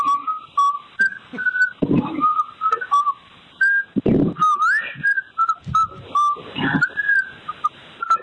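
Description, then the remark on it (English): A man in Oregon whistles the Happy Birthday tune, a clear, fairly loud run of sustained notes and gliding pitches, broken by breathy puffs between phrases, with no talking. “he whistled happy birthday to me.”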